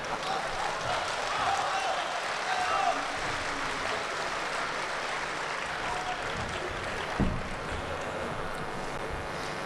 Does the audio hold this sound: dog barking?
no